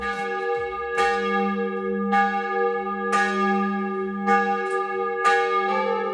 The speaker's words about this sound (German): Kirchenglocken erkennen, das Geläute erraten. Klingt ja irgendwie in jedem Tiroler Ort ein bisschen anders, oder? Hören wir mal rein.